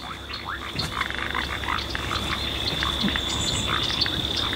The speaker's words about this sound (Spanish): Acá se escuchan las ranas y sapos que viven en esta zona húmeda.